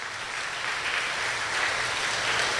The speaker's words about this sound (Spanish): Démosle un fuerte aplauso a estos cumpleañeros.